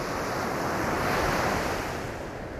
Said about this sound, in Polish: Przeżywałam to i słuchałam tego szumu morza z daleka, ale nie widziałam go. A teraz widzę. Teraz widzę, siedzę sobie na ławeczce i widzę piękne morze w wolnym świecie i wolna.